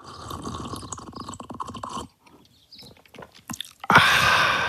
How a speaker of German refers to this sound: Ich stehe in der Küche und schlürfe schon die dritte Tasse Kakao. Der schmeckt aber auch gut.